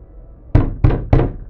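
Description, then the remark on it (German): Three firm knocks on a wooden door, evenly spaced, each a deep, solid thud with a brief ringing decay, over a quiet background with no voices. “Wer ist da? Öffnet die Tür!”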